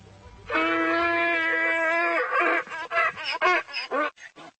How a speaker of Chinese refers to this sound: 是一头迷你驴，在德克萨斯州，任何大小的驴都比较常见。